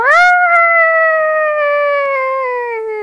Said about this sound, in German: Das klingt perfekt nach einem Wolf, oder? Ja. Der Wolf.